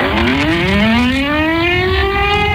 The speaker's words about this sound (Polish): Przejmujący, ale jednocześnie symboliczny i ważny dźwięk syren co roku wybrzmiewający w godzinie W, czyli o 17:00, i przypominający o rocznicę wybuchu Powstania Warszawskiego.